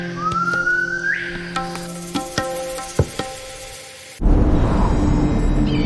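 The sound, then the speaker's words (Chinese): A bird in a recovering forest in China, wary of humans, gives a territorial warning call telling intruders to keep away: one rising, whistled note sweeps upward and ends abruptly, followed by a few sharp clicks, then a steady broad rushing noise takes over. “发出一种声音叫做不要靠近我，侵蚀自己的领地，所以说这个地方是我的，你不准进来。”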